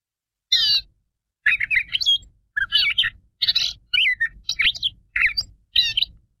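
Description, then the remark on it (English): A gray catbird, an all-gray bird with a black cap, sings a varied series of short, scratchy, squeaky phrases separated by brief pauses, clear with no other sounds. “And migration may have ended, at least spring migration, but some birds continue to call, and the gray catbird is one of these.”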